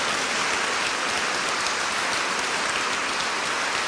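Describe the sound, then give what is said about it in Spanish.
A crowd applauds Christ the Victor, a dense wash of many hands clapping at once that stays loud and even throughout, with no voices rising above it. “Denle un aplauso a Cristo vencedor.”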